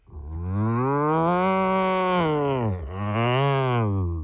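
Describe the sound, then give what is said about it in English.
A person imitates a cow in a best-cow-sound contest, letting out a long, loud, drawn-out moo that dips briefly before a second lowing swell, with no other sounds. “let me hear your best moo.”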